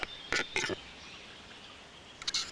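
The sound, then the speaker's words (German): A capercaillie's courtship display in the Harz: two sharp, dry clicking knocks, a quiet pause, then a quick burst of scraping, snapping notes over faint background hiss. “Das Balzritual des Auerhahns gehört zu den beeindruckendsten der heimischen Vogelwelt.”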